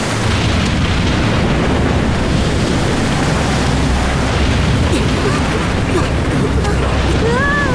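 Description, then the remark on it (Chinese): Deep, rumbling thunder from a storm with frequent lightning rolls on without pause, blended with a loud, steady roar of storm noise, and a few thin whistling tones rise faintly at the end. “这么多闪电，他不会听到我们吧？”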